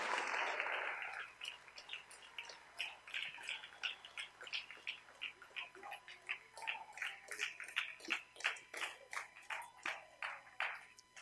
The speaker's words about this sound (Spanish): Dale ese aplauso al Rey con todo tu corazón.